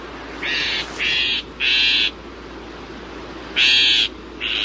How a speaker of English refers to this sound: In fact, some northern shrike songs include phrases that closely resemble the calls of some of their prey species, chickadees, sparrows, and other tender feathered morsels.